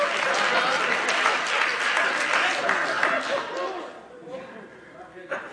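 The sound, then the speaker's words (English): An audience breaks into sustained, dense clapping with scattered voices mixed in, holding steady for several seconds before thinning out and fading near the end. “Y'all scared to clap now.”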